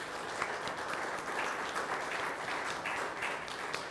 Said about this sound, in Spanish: Un aplauso a nuestros mártires.